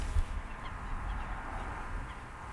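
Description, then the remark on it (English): Waterbirds call faintly across a wetland packed with birds, a few scattered cries rising over a steady, breezy outdoor ambience with no one speaking. “It's packed with birds.”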